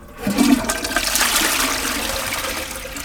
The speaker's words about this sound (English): Here I'm flushing in the sacred toilet some pomegranate seeds.